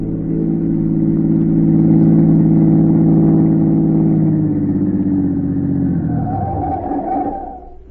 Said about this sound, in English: A minute or two later, a black car, its curtains drawn, pulled to the curb.